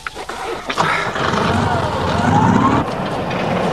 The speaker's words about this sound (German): Vielleicht springt der Motor jetzt an.